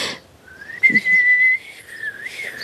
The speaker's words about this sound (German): Das war nicht gepustet, das war gepfiffen. Entschuldigung, es macht einfach so viel Spaß. Ich kann gar nicht aufhören.